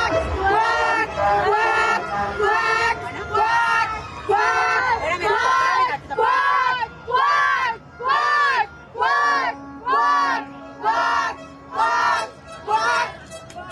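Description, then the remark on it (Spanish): A crowd of mothers chants "quack, quack" in unison, imitating ducks, with loud rhythmic bursts that repeat steadily about once per second over a murmur of background voices. “Las mamás en esta ocasión gritaron cuac, cuac, como si fueran patos, y el ajolote buscador también se disfrazó de pato para ver, dicen, si así les reciben o les invitan a Palacio Nacional.”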